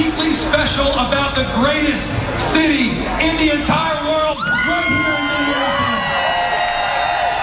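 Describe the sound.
A large crowd of thousands of fans cheers and whoops continuously in downtown Minneapolis, many voices shouting and yelling together in a dense, loud roar with rising cries: an outdoor celebration where fans gathered to sing along and mark what would have been a late musician's 68th birthday.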